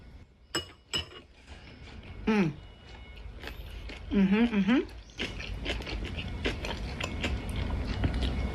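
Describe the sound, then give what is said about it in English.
A few light utensil clinks, then someone takes a bite of well-mixed bibimbap with egg, pork and crunchy vegetables and chews, with steady munching noises and a couple of brief pleased hums. “I am going to take a bite of my manjeong bibimbap.”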